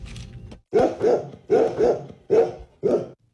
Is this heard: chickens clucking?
no